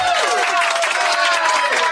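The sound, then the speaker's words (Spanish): Loud, continuous applause from a crowd fills the whole stretch, a dense steady patter of clapping with some cheering and whoops mixed in, for a woman's 40th birthday at a Club Retro Lovers night. “por sus 40 años, un fuerte aplauso.”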